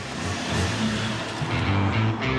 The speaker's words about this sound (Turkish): Oo, şimdi o egzozu dinleyin. Bu harika. Ne araba. Büyük motor, ön 6 silindirli, yaklaşık 260 beygir gücü.